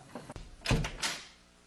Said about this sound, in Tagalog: Sandali po, Papa. Bubuksan ko na po yung pinto. Wait lang po.